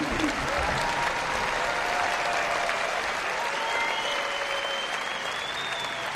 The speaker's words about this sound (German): Und ich bitte Sie nochmal um einen großen Applaus. Das ist unser Orchester des Abends, die Nürnberger Symphoniker.